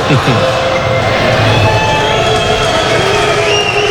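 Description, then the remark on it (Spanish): A large crowd at the official opening of the 34th edition of the Euskal Encounter whistles and applauds continuously, with shrill whistle tones rising over a dense, steady roar of clapping and mingled voices, loud throughout. “Ahora queda inaugurada oficialmente la 34ª edición de la Euskal Encounter, con los silbidos aplausos que podéis escuchar de fondo.”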